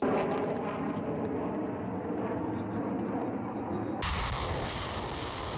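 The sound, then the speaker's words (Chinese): Air and ground fire striking enemy targets at long range during a multinational joint land-air live-fire exercise rolls as a dense, continuous booming roar with no voices, then turns abruptly harsher and brighter partway through while staying loud throughout. “随着陆空实兵联合演练正式展开，空地火力率先对敌实施远程打击”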